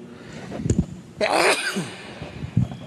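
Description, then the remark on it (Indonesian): A single sharp sneeze bursts out, a quick intake followed by a loud, breathy explosive release, with quieter breathing sounds before and after. “Alhamdulillah. Yahdikumullah yuslihu balakum.”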